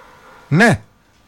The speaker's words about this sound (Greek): Το σκύλο σας ακούω. Ο σκύλος μιλάει, εσείς δεν μιλάτε.